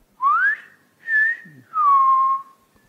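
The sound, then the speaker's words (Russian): A man whistles a short, gentle tune of three drawn-out notes that rise, hold and slide downward, each separated by brief pauses, heard clearly with no talking. “А он уселся рядом и стал негромко насвистывать.”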